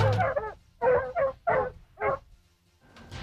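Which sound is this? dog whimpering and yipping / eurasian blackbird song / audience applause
dog whimpering and yipping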